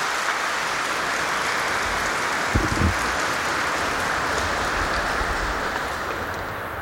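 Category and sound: crowd, audience applause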